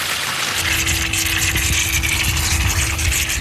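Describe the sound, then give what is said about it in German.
Water sprays steadily out of a fountain tap opened in the middle, a continuous, even rushing hiss throughout, with a faint steady low hum joining in shortly after the start. “In der Mitte auf, jetzt spritzt das Wasser raus hier.”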